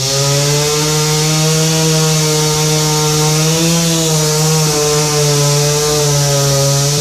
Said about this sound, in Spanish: Con ayuda de motosierras, retiraron el enorme ejemplar que bloqueó la vialidad por más de 3 horas.